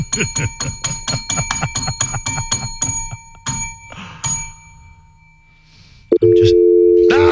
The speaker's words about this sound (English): I'd rather hear that dial tone.